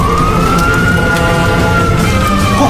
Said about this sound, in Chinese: 富华扑灭了身上的火，消防车鸣笛赶到，消防装备启动灭火。